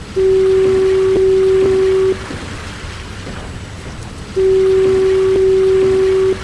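Two long, steady blasts of the automated electric fog signal at Point Wilson lighthouse, each about two seconds, separated by a pause, with a deep sustained tone ringing out loudly over faint rain-like background hiss.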